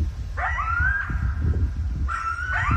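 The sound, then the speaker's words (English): Two coyotes from a pack living just down the hill howl together in two short bouts, their rising, wavering calls overlapping and tipping into yips, over a steady low outdoor rumble; recorded early one evening in a rural area on the edge of Bellingham. “Early one evening a few weeks ago, I made this recording. two coyotes from a pack that lives just down the hill from me.”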